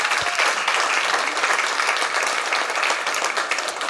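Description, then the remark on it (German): Steady, dense applause from an audience fills the space, a continuous wash of many hands clapping at even loudness throughout, with no voices standing out. “Applaus”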